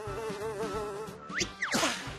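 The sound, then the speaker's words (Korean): A dung fly buzzes steadily with a wavering, droning pitch, then its hum breaks into quick swooping rises and falls as if darting past. “똥파리 비행사님, 저 여기서 비단 내릴래요.”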